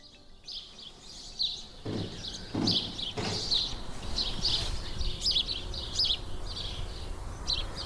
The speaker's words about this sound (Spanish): Bueno, pues a pesar del frío, los pájaros y los perros, trinan y los perros ladran, pues están en plena actividad primaveral.